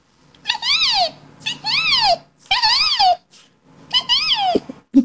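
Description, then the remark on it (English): A person imitates a resplendent quetzal call: four loud, arching cries, each rising then falling in pitch with a rich, wailing tone, separated by short pauses and with no talking. “It's my favorite bird, the resplendent quetzal. And what sound does this one make?”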